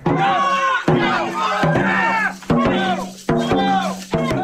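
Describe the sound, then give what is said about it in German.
A crowd of spectators at a dragon boat race on the river Lahn in central Hesse cheers and shouts loudly and continuously, many overlapping voices yelling encouragement to the teams, punctuated by sharp rhythmic drum-like hits at regular intervals. “Überall stehen begeisterte Zuschauerinnen und Zuschauer und feuern die verschiedenen Teams an.”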